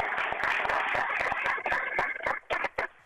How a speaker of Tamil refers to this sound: அவங்களுக்கு மிகப்பெரிய கைத்தட்டல் கொடுத்துடலாமா?